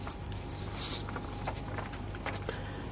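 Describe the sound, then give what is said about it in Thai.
Steady heavy rain falls throughout, a constant hiss of noise dotted with small scattered taps and patters, heard alone as if over a phone line, with no one speaking. “เอ้ามีฝนตกแล้วเหรอครับ”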